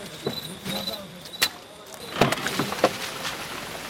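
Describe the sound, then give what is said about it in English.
A truck rolls along a muddy, narrow, winding road, with a steady engine hum underneath and scattered clunks and rattles of the cab jolting, several sharper knocks standing out. “The truck is moving. We're moving.”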